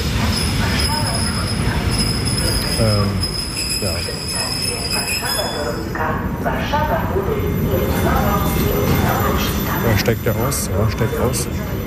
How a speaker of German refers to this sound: Ach, die schöne Regionalzug hier. S-Bahn ist es ja eigentlich.